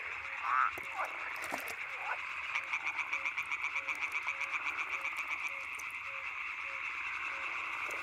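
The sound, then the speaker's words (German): Frogs, such as yellow-bellied toads or pond frogs, croaking in a steady chorus to attract a mate, with a fast pulsing rattle rising and falling in rhythm over a constant high trill, moderately loud, no voices. “Ob Gelbbauchunke oder Teichfrosch. Alle versuchen mit dem Gequake eine Partnerin anzulocken.”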